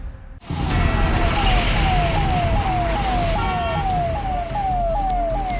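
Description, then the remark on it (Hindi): A convoy of cars carrying Cooperation Minister Ram Kripal Yadav rolls past in Begusarai with a loud, steady rumble of engines and road noise, while a siren rises and falls in quick, repeating sweeps over the traffic. “कितनी गाड़ी इनके काफिले में आप भी देखिएगा।”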